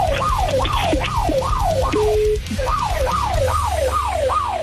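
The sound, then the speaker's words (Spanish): A bank branch alarm, heard over a phone call on speakerphone, wails loudly in rapid, repeating rising-and-falling sweeps, briefly breaking into a steady tone before resuming, over a low rumbling background. “A ver, si es que sí, se oye la alarma de la sucursal.”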